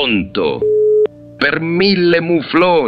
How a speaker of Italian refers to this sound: È caduta la linea. Presto, devo richiamare Alfred.